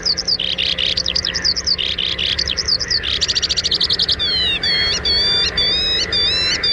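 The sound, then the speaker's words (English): A skylark sings a long, unbroken stream of high, rapid warbles, trills and buzzy chirps, shifting pitch constantly and never pausing, with a steady low hum of wind beneath. “The Skylark. No other bird in North America has such a long song or sings so persistently in flight.”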